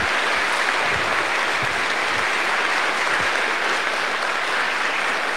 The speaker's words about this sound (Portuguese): Vamos dar uma salva de palmas para as crianças.